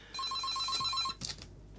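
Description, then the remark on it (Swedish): A telephone rings once with a rapid, warbling electronic trill lasting about a second, clear, then cuts off into a brief clunk and quiet background noise. “Nej, men det är bra att få bevis här på att telefonen är öppen och den fungerar.”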